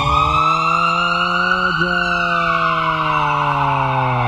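A loud ambulance siren wails continuously, its pitch sliding slowly downward with a brief dip partway through, with no one speaking.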